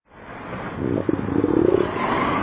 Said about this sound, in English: That rumble you hear isn't thunder over Nebraska. It's your stomach.